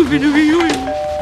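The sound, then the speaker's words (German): A doorbell at a house's front door chimes right after a brief spoken voice, two steady ringing tones, the second slightly lower, sustained and clear. “Da klingelt es”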